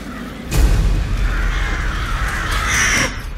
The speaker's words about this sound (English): she suddenly notices a flock of crows wheeling in the sky.